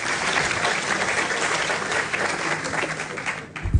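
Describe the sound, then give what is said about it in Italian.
Sustained applause from an audience for Italy's Minister of Agriculture and Food Sovereignty, Francesco Lollobrigida: a dense, even wash of many hands clapping at steady loudness, fading slightly near the end as a low thump sounds. “Vi chiedo il terzo applauso per il Ministro dell'Agricoltura e della Sovranità Alimentare, Francesco Lollobrigida.”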